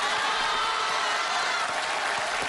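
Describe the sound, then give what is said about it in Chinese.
Steady, dense applause from the audience of a Chinese crosstalk (xiangsheng) performance, a continuous wash of many hands clapping at an even loudness for the whole stretch, with no voices standing out. “各位，您别鼓掌”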